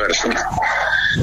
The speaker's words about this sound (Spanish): Se escucharon los perros. No hay problema.